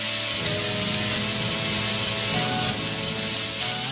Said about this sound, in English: it sounds great even when played by an orchestra of chainsaws, as you're hearing right now.